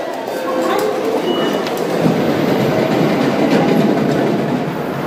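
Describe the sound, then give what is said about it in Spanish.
A Shinkansen high-speed train runs along the rails on the route between Kanazawa and Toyama in western Japan, a steady loud rumble with faint rhythmic clatter that swells slightly after the first couple of seconds and continues without a break. “Desde 2015, los trenes de alta velocidad Shinkansen llegan a Kanazawa.”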